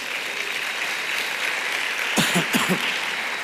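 A church audience applauds at a pastor's call, in a steady, dense wash of clapping that lasts the whole stretch, with a couple of brief voices calling out over it toward the end.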